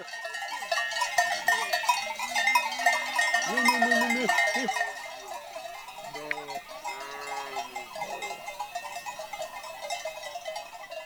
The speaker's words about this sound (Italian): Il tratto più arduo della salita sta per arrivare. Le pecore devono prima oltrepassare un difficoltoso ghiaione.